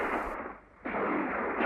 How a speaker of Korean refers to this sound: 그들이 방금 산등성이 하나를 넘었을 때였다. 앞에서 또 자지러진 총소리가 울렸다.